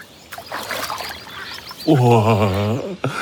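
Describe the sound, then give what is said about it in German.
Water sloshes and splashes for a moment as someone wades into the slightly cool water to swim, then a voice lets out a drawn-out, wavering exclamation over the quieting water. “Vielleicht im Wasser? Ob ich mich auch hineinwage?”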